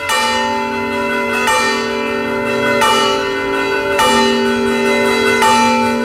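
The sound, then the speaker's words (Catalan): Church bells swing and ring in a loud peal, the characteristic Barram bell ringing watched by hundreds of people in Plaça Santa Maria, with about five strikes at a steady, rolling interval and each rich tone lingering into the next. “Com van girant les campanes, és un toc de campanes característiques, diu la Barram.”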